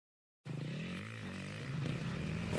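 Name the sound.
motocross motorcycle engine revving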